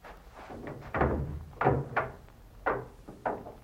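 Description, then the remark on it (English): The wooden door of an ice house creaks and bumps shut, with a series of dull thuds and knocks spread over a few seconds and no one speaking. “Hey, aren't you going to leave the door open?”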